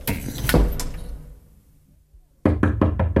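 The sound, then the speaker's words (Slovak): Loud knocking on a door in two bursts: a few heavy thuds, a pause, then a quick series of five or six sharp raps in a steady rhythm. “Prosím vás, otvorte. To mi nemôžete urobiť.”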